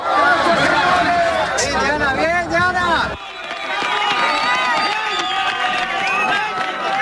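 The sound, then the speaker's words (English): A crowd in Colombia cheers as a woman is pulled alive from rubble, a loud, continuous swell of overlapping excited voices, briefly dipping partway through before the jubilant clamor carries on. “when you hear that cheering, that joy, does that take you back to those moments when you managed to pull...”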